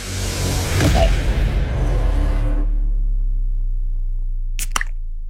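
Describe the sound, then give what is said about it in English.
A beer can pops open with a loud fizzing hiss that fades over a couple of seconds, then a low hum and two quick sharp clicks. “should we roll straight into the next can?”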